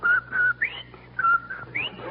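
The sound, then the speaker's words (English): A person whistles a bright, catchy wash day jingle melody, a few short phrases of sustained and rising notes, imitating how Von Zell whistled and sang it out on the porch, with no talking. “Well, confidentially, after Von Zell left here, I saw him out on the porch and he was whistling and singing. Like this.”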